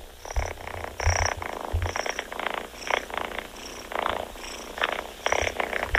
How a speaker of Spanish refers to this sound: Sabes que si no me hubieses dicho, si no nos hubieras platicado que es tu gatito ronroneando, yo me hubiera imaginado otra cosa, Rosita. Hoy los ronroneos de su gato.